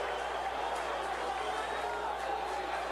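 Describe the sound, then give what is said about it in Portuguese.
A large stadium crowd applauds and murmurs in a steady, continuous wash of noise, moderately loud, with no single voice standing out, as Criciúma's number 7 Felipe Matheus, scorer of the goal giving Criciúma the lead, is substituted during a match against Ceará. “Aplaudido pela torcida, fez até agora esse gol que está dando a vitória à equipe do Criciúma.”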